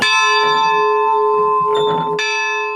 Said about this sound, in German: Kann man da oben dann die Glocke läuten? Wenn ihr wollt, könnt ihr die Glocke auch läuten. Doch erstmal gilt es, die wackelige letzte Treppe hochzukommen. Die Glocke ist durchaus laut.